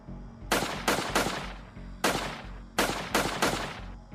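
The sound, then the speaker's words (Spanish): A rapid series of sharp gunshots, seven in all, fired at night at a house by armed attackers who arrived on a motorcycle, in two quick bursts with brief pauses between, loud and cracking with a steady low engine-like rumble underneath. “De acuerdo con el testimonio de los agraviados e imágenes de las cámaras de seguridad, los atacantes llegaron a bordo de una motocicleta y efectuaron varios disparos contra el inmueble.”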